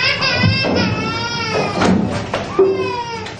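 A young animal cries in a series of high, wavering, bleating wails, loud and insistent, with short breaks between each cry.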